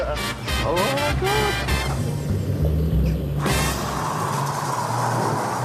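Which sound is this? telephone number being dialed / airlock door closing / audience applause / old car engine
old car engine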